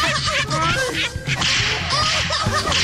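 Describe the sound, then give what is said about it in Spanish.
Loud whip cracks snap repeatedly in quick succession, sharp, layered over a dense, busy background of noise that keeps the whole burst crowded and energetic. “Dice que mandemos unos latigazos bien perrones para todos los mencionados y sus respectivas risas. Ahí les van.”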